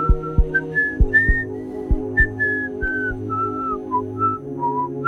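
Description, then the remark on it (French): A stout man whistles a cheerful melody alone as he leaves, clear, with short sliding notes over a soft rhythmic musical backing with light plucked beats. “Il est allé replacer le cœur de Kim au bon endroit dans sa poitrine, puis il est parti en sifflotant.”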